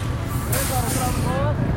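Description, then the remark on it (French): A white bus pulls into a parking lot with a steady low engine rumble, a sharp hiss of air brakes and a faint squeal, while indistinct voices murmur. “Alors, il y a un bus qui arrive, un bus blanc, qui arrive sur ce parking.”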